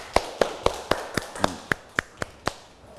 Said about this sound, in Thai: เยี่ยมมากอ่ะปรบมือให้เพื่อนหน่อย